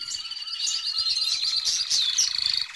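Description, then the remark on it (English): A noisy, dense chorus of parrots, mynas and crows chirping and squawking together in a banyan tree in spring, overlapping calls running continuously, with no voices. “And those are parrots, mynas, and crows. And they're so noisy.”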